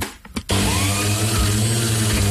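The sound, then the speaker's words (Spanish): An electric blender starts up after a few faint clicks and runs loud and steady, a constant whirring motor drone with a low hum that continues to the end. “La licuadora. ¡Exacto! ¡Licuadora!”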